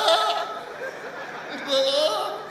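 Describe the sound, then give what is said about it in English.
A voice imitates a goat's bleat with a wavering, nasal cry, repeated twice in quick succession, fairly loud. “Goat don't go feed blood again. Goat go do.”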